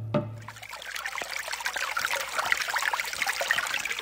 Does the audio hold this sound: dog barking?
no